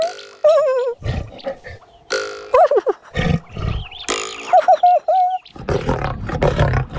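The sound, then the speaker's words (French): A lion roars and growls in several loud, rough bursts, some with a wavering tonal snarl, separated by short pauses, with no talking. “Le lion n'est pas content.”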